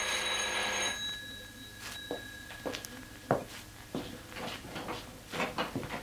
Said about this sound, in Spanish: Instantes después, llamaban a la puerta de la casa parroquial.